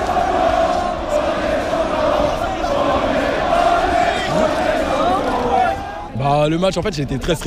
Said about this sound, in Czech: Tisícovky lidí na bulváru Champs-Élysées propukly v jásot, rozeběhli se, začali tancovat, skandovat: my jsme šampioni.